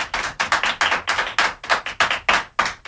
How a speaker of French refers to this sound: Voilà, les enfants vous applaudissent. Je ne sais pas si vous les entendez.